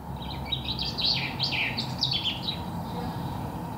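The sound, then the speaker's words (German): Birds chirp and trill in quick, high-pitched bursts for the first few seconds, layered over a steady low rumble of traffic that continues throughout. “Die Geräusche der Natur beruhigen sie, erzählt sie.”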